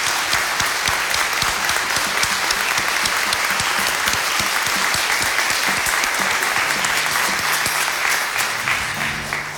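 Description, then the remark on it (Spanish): A crowd applauds a band, steadily and loudly, a dense wash of overlapping claps holding at an even level for about ten seconds, with no talking over it. “Así que le damos un fuerte aplauso al ….”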